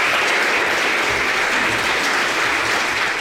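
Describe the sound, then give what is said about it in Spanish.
Sustained applause lasting about 2 minutes from a large crowd in a hall of political representatives, members of civil society and family members, a dense, steady wash of many hands clapping at constant loudness with no pauses and no voices standing out. “Pois estes aplausos que escoitamos foron tamén moi simbólicos porque duraron alrededor de 2 minutos aproximadamente.”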